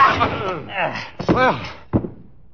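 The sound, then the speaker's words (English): A scuffle: a man grunts and groans as he is struck twice with a chair, two heavy, sharp thwacks, the second blow cutting off a strained cry, followed by a faint rattle. “You were very handy with that chair.”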